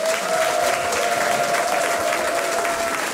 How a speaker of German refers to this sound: mit einem warmen, riesengroßen Applaus.